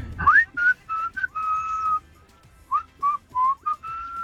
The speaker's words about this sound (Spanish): es viernes de canciones de silbidos o qué? La potencia, hijo, la potencia que se escuchen esos silbidos.